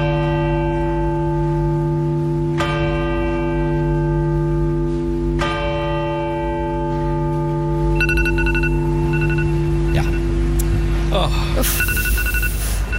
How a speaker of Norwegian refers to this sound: Slå den av da! Ja, den litt for lang, skjønner du Som altså da hadde på alarm på mobilen sin klokka 13.00 Og den gikk selvfølgelig av